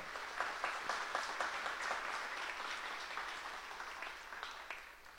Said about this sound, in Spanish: como así también para todos nosotros presentes hoy, un fuerte aplauso para cada uno.